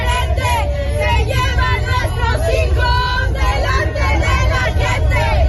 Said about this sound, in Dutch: De demonstranten riepen leuzen als Mexico kampioen van de verdwijningen.